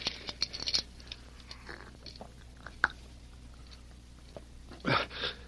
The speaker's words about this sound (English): Here, give him a sip of water from the canteen.